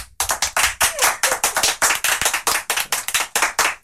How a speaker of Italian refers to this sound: Abbiamo degli amici e amiche di Putignano. Fatevi sentire un urlo. Applauso! Ci sono. Provate a immaginare quanti sono sulla base di questo applauso.